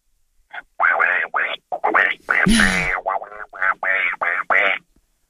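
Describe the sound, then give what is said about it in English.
A caller on 5AA radio in Adelaide imitates Donald Duck's raspy cartoon voice, spouting a rapid run of squawky, garbled syllables for about five seconds, with one louder, harsher burst midway. “Yeah, someone stole my Donald Duck, but we'll have another go at it.”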